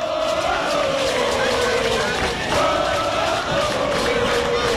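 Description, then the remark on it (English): A big Dodger crowd at a baseball game roars and cheers without letup, a loud, dense wall of voices with a rising, sustained chant-like tone riding on top throughout. “Dodger crowd into it, as you can tell.”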